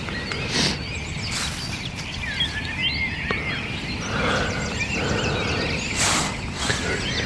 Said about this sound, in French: Sachant que de partout, c'est encore plus impressionnant que le soir, le concert des oiseaux.